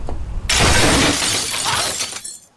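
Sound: car window glass breaking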